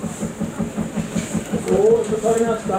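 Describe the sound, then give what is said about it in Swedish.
A hot bulb engine chugs steadily at Gammelvala in Brunskog, Värmland, on Hot Bulb Engine Day, its low, even thumps repeating about four times a second, with faint voices and a thin higher tone rising over it near the end. “Ja, och där pågår inte bara aktion, vi hör ju också det där liksom motorljudet.”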